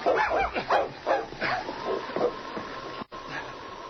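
A dog gives a string of short, excited barks and yips mixed with high whining whimpers, fairly loud, as the dogs Rags and King drag a boy across the floor toward the door, followed by a steadier mechanical hum near the end.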